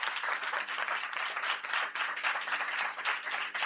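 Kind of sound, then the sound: crowd, round of applause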